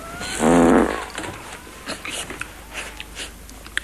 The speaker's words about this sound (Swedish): pruttar, skyller på soffan